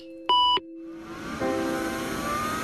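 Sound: computer beeping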